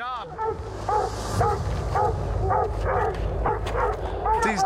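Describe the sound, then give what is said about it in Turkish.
Several hunting dogs bark and bay excitedly at a treed mountain lion, their rapid, overlapping yelps continuing without pause over a low rumbling background, loud. “Köpekler kesinlikle gördüklerinden memnun.”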